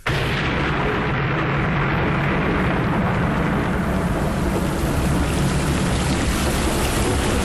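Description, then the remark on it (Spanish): A dense, steady roar of heavy rain pours down without pause, a thick wash of hiss with a low rumble underneath, loud and unchanging throughout, with no voices. “Pues sí, había comenzado a llover. Pero no creas que un chipi chipi o una lluviecita de mojatarugos. Comenzó un verdadero aguacero.”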